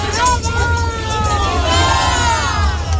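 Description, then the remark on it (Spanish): A crowd of many voices chanting together at a procession in Coria as the Granada brotherhood arrives, in a sustained, wavering melodic line, fairly loud and continuous, with a steady low rumble underneath. “y veis cómo está Coria, cómo han empezado con el cántico, ya está aquí Granada”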